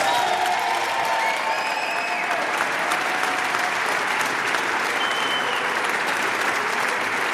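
A large live audience at a live Rete 3 broadcast applauds steadily, a dense wash of clapping that stays loud and even throughout, with faint cheers or voices mixed into the crowd noise.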